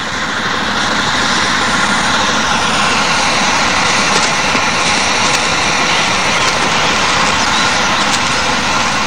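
A loud, steady roar of a helicopter engine and rotor runs continuously, a dense mechanical wash with no voices over it.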